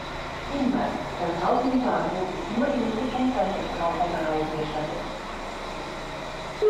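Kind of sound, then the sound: vehicle, train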